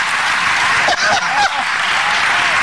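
Steady, dense applause from a large crowd fills the whole stretch, a continuous wash of many hands clapping at once, loud, with faint voices rising briefly within it.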